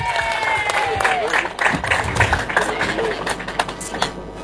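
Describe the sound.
Audience applause fills the whole stretch, a steady dense clatter of many hands clapping with sharp bursts throughout, joined by faint crowd voices and a whistle-like tone early on.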